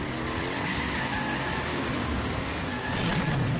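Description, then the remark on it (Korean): The Super Cheetah truck's engine roars loudly as it speeds off at full throttle, a dense, steady rush of motor noise with the revs climbing toward the end, and no voices. “그렇게 나오신다면 슈퍼치타 트럭 전속력으로!”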